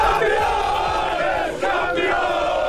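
A crowd of football fans in Stahnsdorf cheers and chants loudly, celebrating their team's league championship and promotion to the Regionalliga, a dense, sustained roar of many voices with rising shouts layered throughout.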